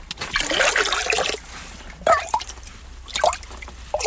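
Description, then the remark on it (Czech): Water trickles and drips steadily from a forest spring that still gives plenty of water, a bright splashing flow with irregular louder gurgles and drops, heard on its own without talk. “Není to náhoda, ale za studánkou, která pořád dává dost vody, musíme přes takovou nadojem horší a špinavější přístupovou cestu.”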